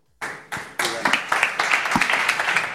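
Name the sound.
audience applause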